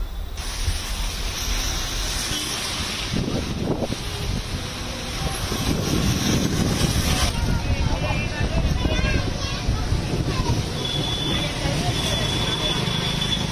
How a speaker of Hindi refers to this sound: तो आखिर झुलसती गर्मी के बीच प्री मानसून की छोटी छोटी बूंदें दिल्ली एनसीआर में दिखाई पड़ रही हैं। मौसम का मिजाज बदला है। इस वक्त तेज हवाएं चलती हुई आपको दिखाई पड़ रही हैं और इन हवाओं के बीच में बारिश भी शुरू हो चुकी है।